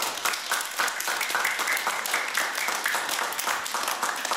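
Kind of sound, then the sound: crowd, children applauding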